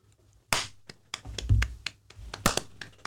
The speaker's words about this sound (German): Das war ein guter Klatscher.